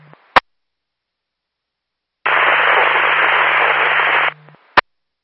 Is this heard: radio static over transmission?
yes